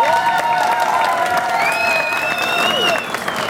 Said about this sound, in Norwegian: Selv om Skarsvåg er et lite fiskevær, så går dere foran som et fantastisk godt eksempel på fellesskap, samhold og lokal stolthet. Det synes jeg vi skal gi Skarsvåg en applaus for.